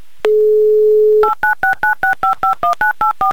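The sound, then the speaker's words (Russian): A steady dial tone hums for about a second, then a quick run of eleven touch-tone beeps follows in an even rhythm, loud, as a phone number is dialed. “Номер телефона быстро набран нашими электронными пальцами заэфирного формата.”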